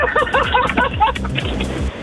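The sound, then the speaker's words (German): Steady low road rumble fills a car interior while driving at 50 on the B92 between Wilde Taube and Weida in Thuringia, Germany, constant and fairly loud, with a person's voice talking over it at the start. “Im Auto. Auf der B92 zwischen Wilde Taube und Weida. Fahre 50.”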